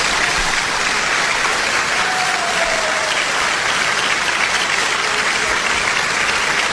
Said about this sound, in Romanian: Aplauze!